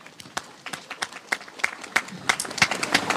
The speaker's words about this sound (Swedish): Och framförallt till er tappra kommunvalskandidater som står här nu och samsas under paraplyerna på ett jättefint sätt. Alltså, tack för det. Och om det är någon kvar, så gärna en applåd till de här kandidaterna.